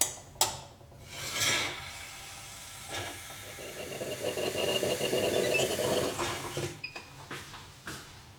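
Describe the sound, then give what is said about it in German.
Coffee being made: a sharp click and a few scraping, rubbing bursts, then a steady hissing, whirring stretch that rises and fades, ending in light clinks and taps. No one speaks. “Ich mach dir auch noch einen Kaffee, ja?”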